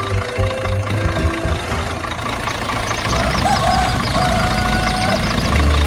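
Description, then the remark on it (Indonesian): An open-bed truck, ready to carry passengers, idles with a steady, low rumbling engine drone and a faint knocking rhythm, growing slightly louder partway through, with some background murmur mixed in. “Uniknya lagi, kendaraan yang dipilih bukan mobil mewah, melainkan sebuah truk dengan bak terbuka yang siap mengangkut para penumpang, lengkap dengan cerita, tawa, dan tentu saja gosip yang akan mengiringi perjalanan sepanjang jalan.”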